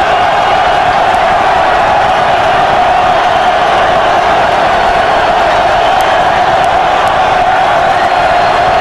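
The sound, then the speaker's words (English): A loud, sustained roar from a large crowd at Haymarket Park, a baseball park, steady and dense throughout with scattered whoops and shouts rising out of the wash of cheering. “You can tell how loud it is here at Haymarket Park.”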